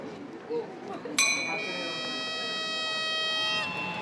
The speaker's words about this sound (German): Ohne das Sicherheitssystem Glocke, Horn, Pfiff verlässt kein Zug die Station Palma.